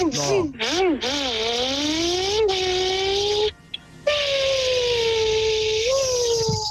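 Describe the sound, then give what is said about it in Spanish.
A voice imitates a Formula 1 car, buzzing a high, nasal engine whine that revs up and down, then holds a long steady drone, breaks briefly, and roars on again loud. “Mi talento es hacer como los carros de Fórmula 1.”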